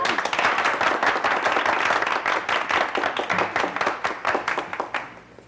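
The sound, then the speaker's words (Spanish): An audience claps steadily for several seconds, a dense patter of many hands that stays loud and then thins out and fades toward the end. “Sí, aplaudan.”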